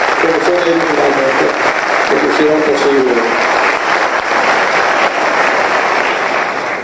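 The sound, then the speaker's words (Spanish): Steady, dense applause from an audience at a book launch, honouring the researchers, designers and collaborators who contributed, fills the whole stretch at an even, loud level, with a voice briefly audible over the clapping at the start. “Están presentes acá y realmente un aplauso.”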